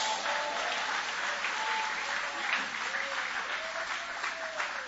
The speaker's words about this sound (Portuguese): Podem aplaudir o nome dele com alegria. Isso, pode aplaudir, pode glorificar.